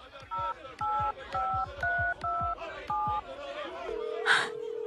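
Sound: telephone number being dialed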